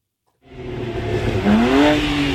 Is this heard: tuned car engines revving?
yes